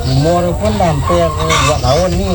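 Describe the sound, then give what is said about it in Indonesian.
A flock of more than 200 laying hens on a small egg business in Sintang, West Kalimantan, Indonesia, clucks loudly and continuously, many overlapping calls rising and falling with no pause, like a busy crowded coop. “Dan hingga saat ini sudah ada 200 lebih ayam petelur dengan mendapatkan omset yang lumayan dari hasil penjualan telur ayam tersebut.”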